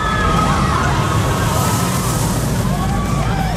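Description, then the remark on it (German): A roller coaster ride roars past, a loud, steady rush of rumbling noise with thin squealing tones sliding up and down over it for a few seconds. “Ganz genau, auf unsere Gewinner-Achterbahn. Wenn ihr die hört, dann heißt es ganz schnell anrufen”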